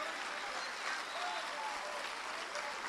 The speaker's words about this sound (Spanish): Amén. Un aplauso al Señor.